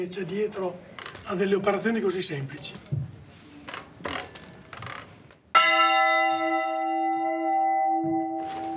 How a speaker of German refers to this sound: Bis zu 400 Kilogramm wiegt eine Glocke. Sie anzuschlagen und im Rhythmus zu bleiben, erfordert jahrelanges Training.